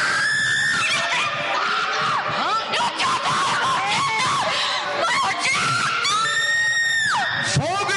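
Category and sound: human body sound, person screaming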